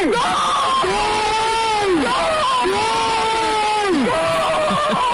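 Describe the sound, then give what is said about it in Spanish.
A large crowd of Zaragoza fans screams and cheers in sustained, rising-and-falling waves of voices, loud and dense throughout, with individual shouts swelling above the roar. “También podría ser yo gritando.”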